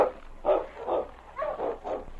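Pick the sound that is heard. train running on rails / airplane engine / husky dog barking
husky dog barking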